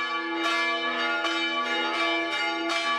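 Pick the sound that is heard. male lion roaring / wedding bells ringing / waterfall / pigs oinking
wedding bells ringing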